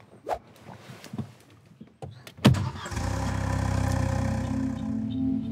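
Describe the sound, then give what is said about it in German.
A few scattered knocks and thumps, then a sharp bang as a car engine starts and settles into a steady, rumbling idle, supposedly with a potato jammed in the exhaust pipe. “Ein Klassiker. Kartoffel im Auspuff.”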